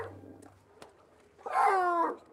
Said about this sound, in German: Bei den Seehunden ist das der normale Kontaktlaut, den das Jungtier ausruft, um Kontakt zu der Mutter aufzunehmen. Das heißt dann so, komm mal wieder zurück, ich habe Hunger, ich bin alleine.